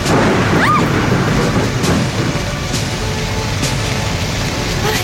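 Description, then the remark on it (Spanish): A loud, steady roar of heavy rain and wind with deep rumbling thunder underneath, broken by a few sharp bursts of noise, like a fierce hurricane storm with no voices. “¿Que nos caiga un rayo? ¿Es eso o enfrentarse al huracán?”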